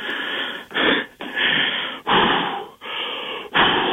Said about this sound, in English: Okay, I'm just breathing right now. I'm just trying to calm myself down just a little bit.